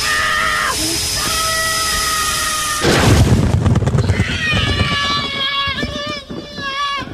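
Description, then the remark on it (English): A steady, high mechanical whine hums along, then a sudden loud explosion bursts in with a deep rumbling roar before shrill, wavering tones take over again. “Poor little Tommy accidentally stuffed himself into the rear thrusters right before the explosion.”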